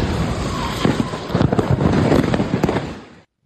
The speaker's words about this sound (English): We're back, and now to Washington State and the scene of a massive house explosion today. Take a look at this moment caught on camera.